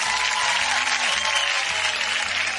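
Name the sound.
applause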